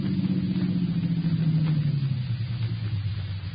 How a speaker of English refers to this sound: It's a car coming up now.